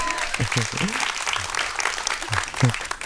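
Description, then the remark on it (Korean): Sustained applause from an audience, a dense wash of clapping that keeps going, with a few brief voiced sounds breaking through underneath. “박수가 안 멈추니까 되게 당혹스럽네요.”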